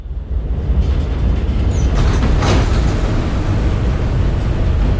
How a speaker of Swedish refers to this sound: Kim kliver av tunnelbanan i Brooklyn.